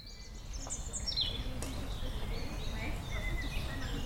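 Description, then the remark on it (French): Several birds sing and chirp in overlapping whistled phrases, some rising and falling, in the Prairies Saint-Martin meadows near the centre of Rennes, France, under a blue sky, over a steady low outdoor rumble, continuing throughout the short stretch. “Sous un grand ciel bleu, la ville semble disparaître pour laisser place au chant des oiseaux et au calme de la nature.”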